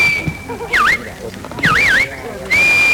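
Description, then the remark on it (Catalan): Shepherds' sharp, high whistles direct sheepdogs herding flocks at a sheepdog trial in Prades, Baix Camp, Catalonia: a long steady note, a swooping dip, a quick warbling trill, then another held tone, all loud over a low murmur of background noise. “A partir dels xiulets i crits dels pastors, els gossos van anar conduint els ramats per superar les proves plantejades pel jurat.”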